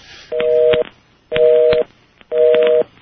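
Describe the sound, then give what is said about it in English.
Telephone line tones while redialing to reestablish a dropped call: three identical steady two-pitch beeps, each about half a second long, repeat at an even pace. Faint crackly noise sits between the beeps, and no one speaks. “A telephone number is a telephone number, right? I'll tell you, the timing of some things is pretty strange. We'll reestablish the connection here.”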